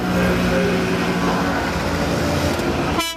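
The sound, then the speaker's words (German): Loud, steady din of many small Ape three-wheeler engines rattling together as 40 of them drive in a convoy with police escort through Augsburg, with sustained horn tones honking over the clatter throughout and a sharper, pulsing engine rattle at the very end. “Da knattern sie laut hupend durch die Stadt, 40 Apen im Konvoi mit Polizeischutz.”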